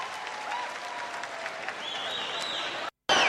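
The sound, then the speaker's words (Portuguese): Sustained audience applause, a dense, steady wash of many hands clapping with a few whistles rising above it, then a sudden brief dropout of silence before the clapping resumes. “Uma salva de palmas para ela, bem grande, ela merece.”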